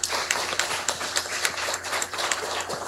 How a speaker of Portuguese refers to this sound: A todos aqueles que fazem parte dos movimentos e pastorais e que estão nos ajudando para a realização desses dias tão bonitos. A todos eles, a nossa gratidão pela presença, a nossa acolhida com uma calorosa salva de palmas.